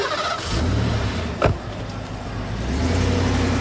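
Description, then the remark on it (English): A car engine revs up loudly, with a short sharp clank partway through, then revs again as the car pulls away. No one speaks. “Jane, this is my car. You can't ride in my car. You have to walk home.”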